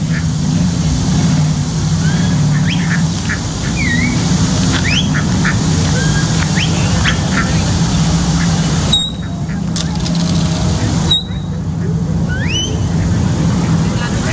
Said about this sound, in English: Oh, watch this. The ducks. Watch this.